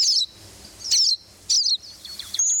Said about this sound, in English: This cedar waxwing is another bird that may show up unexpectedly at your feeder. If it does, it often brings a crowd with it.